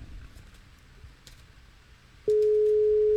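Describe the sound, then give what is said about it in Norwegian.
After a few seconds of faint line hiss and small clicks, a loud, steady ringing tone of an outgoing telephone call starts abruptly and holds unbroken until the end. “Hvor det ringer.”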